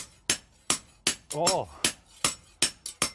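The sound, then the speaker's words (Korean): In a blacksmith's forge, a smith demonstrates proper hammering: the hammer rings on an anvil in a quick, steady rhythm, about nine bright metallic strikes. A brief voice sounds once midway through. “제대로 된 망치질이란 무엇인지 한 수 보여주신답니다.”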